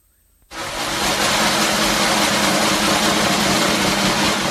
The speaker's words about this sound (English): And if you didn't hear Good Morning Country on Wednesday, you'll understand that Heather, like I, were a bit disappointed with the drum roll that I was using. And so, thank you, Heather. We'll give it a go.